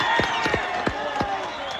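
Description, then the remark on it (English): A large crowd roars and clamors outdoors at the site of a collapsed four-story building in Pereira, western Colombia, as people are pulled alive from the rubble. A dense, continuous wash of voices, with scattered claps and sharp bursts cutting through at irregular moments. “Meanwhile, dramatic rescues of people pulled alive from the rubble continue, like this scene at the site of a collapsed four-story building in the western Colombian city of Pereira.”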